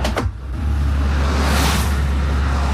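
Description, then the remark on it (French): Steady roadside traffic roar with a deep rumble, as a stream of cars passes one after another, one passing vehicle swelling loudest midway. No one speaks. “Ah, voilà, tu vois, une flopée de voitures qui passent, tu vois.”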